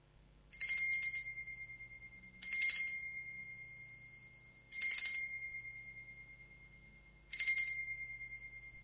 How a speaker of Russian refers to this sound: Давайте мы с вами, дорогие радиослушатели, сейчас позвоним в колокольчик, послушаем его звучание.